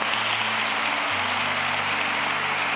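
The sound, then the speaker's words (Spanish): Steady applause from an audience, given for the Church of Christ, fills the whole stretch: a dense patter of many hands clapping at once, with a low sustained hum underneath. “Den un aplauso a la iglesia de Cristo.”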